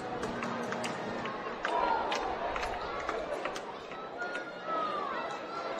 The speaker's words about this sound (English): This crowd starting to make some noise.